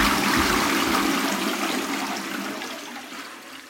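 A toilet flushes loudly, a broad rushing gush of water that gradually fades and thins out over a few seconds, with no voices.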